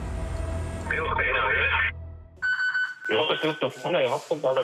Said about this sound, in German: Alarm bei der Bergwacht Greinau.